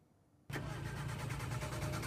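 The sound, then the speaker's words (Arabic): In Deir ez-Zor, after a brief quiet moment, a car engine cranks loudly with a steady, rhythmic churning that never catches into a running idle, failing to start because of poor-quality gasoline. No one speaks. “يستيقظ العديد من أهالي دير الزور منذ عدة أيام على أصوات محاولات إقلاع محركات سيارات ودراجات نارية، لكن من دون جدوى، وذلك لتعطلها بسبب مشكلات ناتجة عن رداءة البنزين.”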